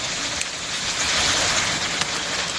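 A dense, steady hiss of heavy rain pours down without letup during a powerful storm with strong wind gusts in Sofia, Bulgaria, loud, with a couple of sharper splashes breaking through the constant downpour. No voices are heard.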